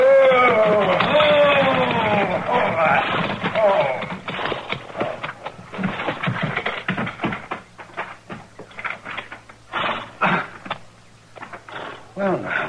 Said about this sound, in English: There's a wagon pulling into the yard.